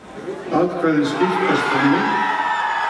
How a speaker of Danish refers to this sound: jubel blandt modstanderne af forslaget.